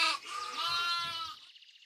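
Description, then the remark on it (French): A sheep lets out one long, wavering bleat, fairly loud, trailing off into a thin trembling tail. No one speaks. “Il me manque un mouton.”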